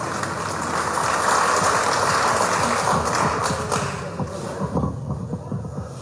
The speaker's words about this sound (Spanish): Lo recibimos con ese fuerte, fuerte voto de aplausos.